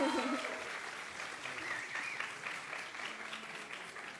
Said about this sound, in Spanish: Otro fuerte aplauso, por favor.